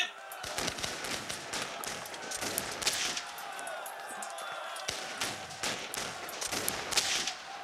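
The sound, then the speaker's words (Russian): A ragged volley of musket fire by defenders, many sharp cracks overlapping in an irregular burst over a steady noisy din, continuous for several seconds. “Мальчик, прикажете защитникам из печали палить? Пали. Пали!”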